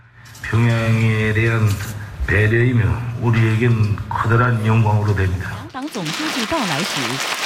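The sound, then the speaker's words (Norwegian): A large crowd cheers loudly in rhythmic, chant-like bursts, four or so swelling shouts in unison, as two leaders, one of them Xi, visit one of the most prestigious party schools during a visit to Pyongyang, North Korea, before a single voice starts talking over fainter crowd noise. “Jubel da de to lederne besøkte en av de mest prestisjefulle partiskolene.”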